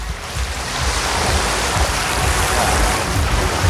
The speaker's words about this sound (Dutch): We hebben de klotsende oksels in het publiek ingeruild voor klotsende golven van de Noordzee.